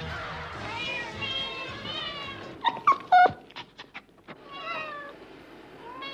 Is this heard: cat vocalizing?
yes